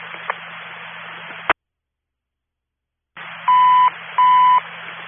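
Two loud, steady electronic fire alarm beeps, a false alarm with no fire after a building complex lost power, about half a second each with a short gap between, sound through hissy, band-limited radio static that cuts to silence for a moment before them.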